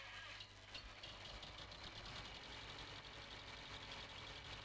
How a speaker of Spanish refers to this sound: Nosotros, como siempre, arrancamos el tractor y doy más que nunca.